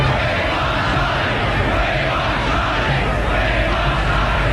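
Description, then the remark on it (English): A huge crowd roars and calls out together in a dense, continuous wall of voices, steady and loud throughout, with no single speaker standing out. The crowd at the palace gates in London calls for Prince Charles, awaiting the balcony appearance after the royal wedding of Charles and Di. “The crowd called for Prince Charles.”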